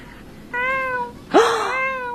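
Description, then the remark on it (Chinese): A person imitates the soft, cuddly cry of a baby kitten with two soft, high, drawn-out meows, the second rising with a slight squeak before trailing off, fairly quiet with no other sounds around. “我很喜欢猫咪，然后我现在慢慢可以学着猫咪那种软绵绵的声音叫出来。”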